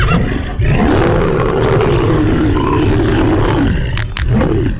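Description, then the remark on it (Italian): A lion lets out a loud, sustained roar, a deep rumbling growl lasting several seconds, ending with sharp snarls and a final guttural grunt, as it leaps from tall grass onto a grazing horse; no talking. “Il leone scatta come un coso e con un balzo e una centra in faccia gli è già addosso.”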